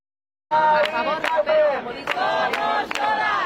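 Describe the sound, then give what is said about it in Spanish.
Protest campers at the encampment in Sol chant their slogan together in loud unison on hearing the news, voices rising and falling, with sharp rhythmic beats punctuating the chant about every half second after a brief silent start. “Los acampados han coreado una vez más el grito que les había traído hasta aquí hace 12 días.”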